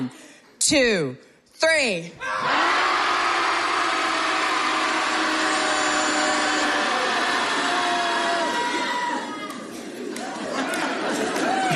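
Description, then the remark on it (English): A group of people lets out one long, loud, sustained shout together on a count of three, many voices blending into a roaring wall of sound for several seconds after a couple of short vocal bursts. “So when I say, I'll say 1, 2, 3, and then we'll all just let it out.”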